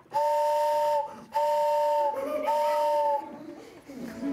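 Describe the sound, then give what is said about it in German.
A hand-cranked barrel organ mimics a train whistle by playing low notes together: three loud, sustained blasts of a steady two-note mid-pitched chord, each about a second long, separated by short gaps over faint background noise. “Und wenn man die zusammenspielt, hat man eine Eisenbahn.”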